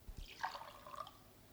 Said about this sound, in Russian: пытается налить себе воды. Но кружка падает у нее из рук